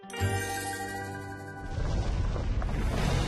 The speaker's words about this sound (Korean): 해저화산 대폭발.